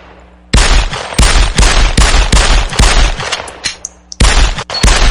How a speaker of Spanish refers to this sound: vamos a aventarle un balazo al viejote a ver si se asoma por ahí